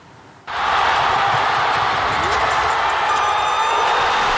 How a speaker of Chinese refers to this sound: 那古德温关键时刻抢断得手，飞速推进，在中场哨响之前果决出手，命中了压哨三分。 上海体育馆在炸裂的欢呼中也是见证了这场窒息般的绝杀胜利。